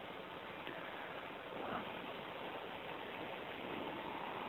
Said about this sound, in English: It's raining.